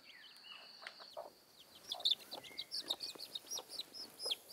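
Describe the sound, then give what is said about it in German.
A hen on a farm clucks repeatedly and quickly, a busy run of short, sharp notes with a few thinner chirps mixed in, no talking. “Au, du blöde Henne, du.”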